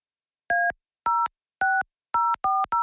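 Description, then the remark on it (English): A quick sequence of six touch-tone phone keypad beeps as a winner's phone number is dialed, each a short clean dual-pitched tone, pressed in an uneven rhythm with brief gaps, clear with no talking. “Yeah, I'm trying to dial their number here.”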